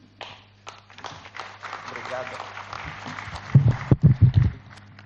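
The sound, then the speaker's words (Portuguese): An audience applauds a speech by the head of the United Nations office with dense, steady clapping for several seconds, then a man's voice begins speaking as the applause fades out. “Uma forte salva de palmas para esta intervenção do chefe de escritório das Nações Unidas na Rocha.”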